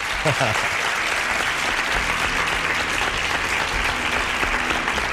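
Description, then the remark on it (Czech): Steady applause for a listener who answered a quiz question correctly fills the whole five seconds: a dense, even wash of hand clapping at a fairly loud level, with a brief burst of voice mixed in near the start. “já vám musím zatleskat.”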